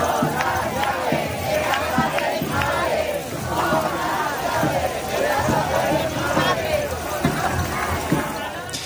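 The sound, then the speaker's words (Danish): In Madrid, Spain, a large crowd of protesters against a housing crisis fills the air with a dense, steady metallic jingling of rattled keys, mixed with loud shouting and chanting voices throughout. “Det her er nøglerne til min mors hus, råber de her i Madrid, mens de rasler med deres nøgler i protest mod det, de kalder en boligkrise.”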